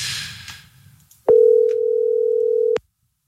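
An outgoing phone call's ringback tone: one loud, steady mid-pitched beep lasting about a second and a half, preceded by a soft hiss and rustle, with no one talking.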